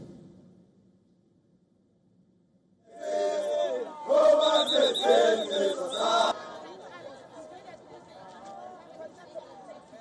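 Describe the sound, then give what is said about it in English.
Thousands of protesters marching against undocumented immigrants in a town bordering Johannesburg, South Africa, shout slogans like "Let them go" loudly in unison for about three seconds, voices rising and chanting together, then the roar drops away to a steady, lower murmur of many people. “In a town bordering Johannesburg, thousands of protesters marched against undocumented immigrants, shouting slogans like, "Let them go."”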